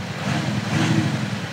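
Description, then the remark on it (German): A car's artificial engine sound from a factory-fitted sound generator, a loudspeaker that makes the noise and has nothing to do with the engine, here switched on and louder: a steady, deep droning hum with a rough rumbling texture, moderately loud and unbroken throughout, with no one talking. “Und mit Soundgenerator ab Werk dann so.”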